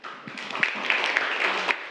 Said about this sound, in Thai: ค่ะขอเสียงปรบมือให้กับตัวแทนในการอ่านออกเสียงให้เพื่อนได้รับชมและรับฟังค่ะ